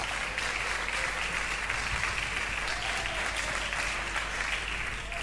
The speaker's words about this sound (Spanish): Puede tomar asiento y dele un aplauso fuerte al Señor.